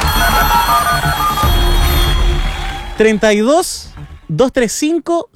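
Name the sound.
landline telephone ringing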